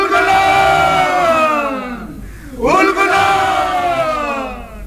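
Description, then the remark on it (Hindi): A large crowd of Munda people roars a sustained, loud battle cry of "Ulgulan" (revolution), many voices shouting together, echoing through the jungles of Singhbhum, Chaibasa and Ranchi; the cry dips briefly, then surges again in a second rising swell. “मुंडाओं की उल गुलान यानी क्रांति की पुकार से सिंहभूम, चाईबासा और रांची के जंगल गूंज उठे।”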